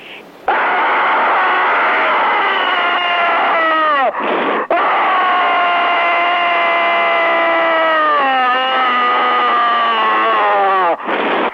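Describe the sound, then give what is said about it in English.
A long, loud scream carried over a narrow, tinny telephone line, held for several seconds with wavering, sliding pitch and a couple of quick gasps for breath in between. “There's another screamer on the line.”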